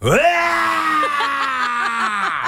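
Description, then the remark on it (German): A voice imitates a manual-transmission car, driven by someone who cannot drive a manual, struggling as it pulls away: a strained, droning groan that swoops up, then holds a wavering, sputtering pitch with small hiccups and jolts for a couple of seconds. “Nico hat das Auto seiner Mama und er kann keinen Schaltwagen fahren. Und dann, wenn er losfährt, klingt es ungefähr so.”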